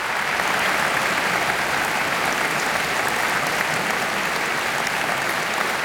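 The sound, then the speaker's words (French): A large audience applauds warmly for an Italian pianist at the end of her piano recital, a dense, steady wash of clapping without pause, loud and sustained throughout. “Et le public applaudit chaleureusement. On peut même parler d'un tonnerre d'applaudissements pour la pianiste italienne et ce concert qu'elle donnait dans le cadre de sa résidence”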